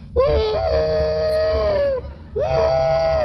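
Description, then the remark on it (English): Motion picture actor Andy Devine imitates a train whistle with his voice: two long, wavering wails, the first about two seconds and the second starting after a short break, steady pitch with a bending onset, over a low rumble. “Why, not only that, he's even the train whistle in pictures.”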